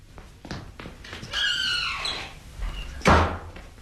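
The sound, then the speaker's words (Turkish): A lock clicks as a door that was locked from the inside is unlocked, then the door swings open with a drawn-out creaking squeal of its hinges and ends with a solid thunk, with no one speaking. “kapıyı açsana.”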